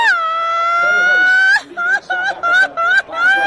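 A loud, high-pitched Mexican grito: one long sustained yell that climbs in pitch, then breaks into a string of quick, choppy whooping bursts with a trilling, laughing quality.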